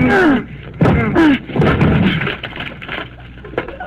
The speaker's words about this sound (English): Imagine, Henry. The whole lock came right off. I guess the door was rotten.